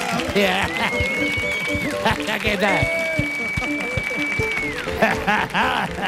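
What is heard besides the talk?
audience applause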